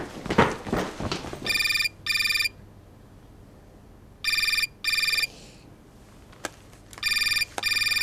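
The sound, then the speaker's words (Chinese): A phone ringtone repeats in bright, pulsing double bursts, three pairs separated by pauses, as a call to the boss rings on with no answer; a brief muffled voice and a sharp click come before and between the rings. “老大怎么不接电话呢？”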